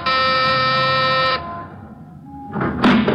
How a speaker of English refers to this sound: Ring the bell.